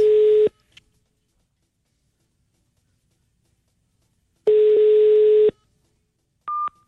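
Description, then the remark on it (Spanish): A telephone busy tone as a phone call is rejected: steady electronic beeps separated by long silent gaps, followed by a short higher-pitched beep at the end, clear with no one talking. “Me está rechazando la llamada, me está rechazando.”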